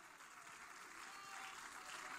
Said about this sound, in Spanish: Palmas de alabanza a Cristo, hermanos.